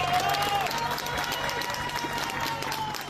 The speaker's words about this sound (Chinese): 而西班牙军事应急部队成功在一个倒塌的建筑中救出一名妇人，妇人被救出后被立刻送往医院救治。搜救人员与在场居民欢呼庆祝。